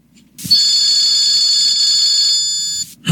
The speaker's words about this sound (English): Answer the phone, Stanwood.